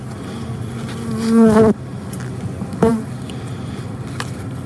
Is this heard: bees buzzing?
yes